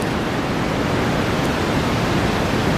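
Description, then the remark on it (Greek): A steady, unbroken wash of white noise meant to evoke sea waves, mixed with the sound of a kitchen range hood, a dense rushing hiss at constant loudness with no distinct swells or voices. “είχα λευκούς ήχους και μου λειτουργήσαν. Για ακούστε λίγο πώς πέρασα το βράδυ μου.”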